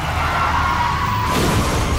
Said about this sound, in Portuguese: Chefe está capotando.